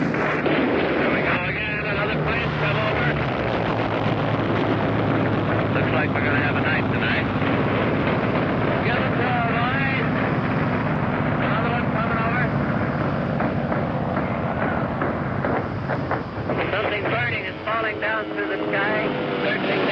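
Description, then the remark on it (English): Dense, continuous roar of heavy anti-aircraft gunfire at night off a ship's stern, with overlapping booms and fiery bursts, loud and sustained throughout, a rumbling engine-like drone underneath and a voice talking over the din. “Very heavy fire now off our stern. Some warships in that area. Fiery bursts.”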